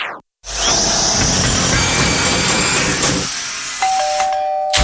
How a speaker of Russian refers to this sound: Да сколько можно долбить? А когда мне еще ремонт делать?